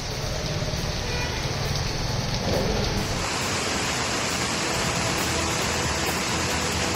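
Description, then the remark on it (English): Heavy rain pours down in a dense, continuous roar, loud, with no voices; the texture shifts slightly partway through as if to another spot in the downpour. “The water level of the Kaveri River has been rising following heavy rainfall in Gujarat's Valsad.”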